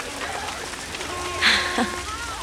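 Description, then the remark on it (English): Rain falling in a steady, soft hiss with scattered patters, joined by a brief brighter splash midway and faint background sounds. “Oh, it's starting to rain.”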